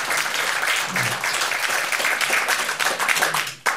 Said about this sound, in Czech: Takže zatleskáme se.